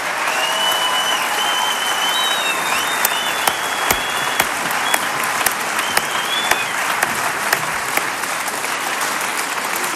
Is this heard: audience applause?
yes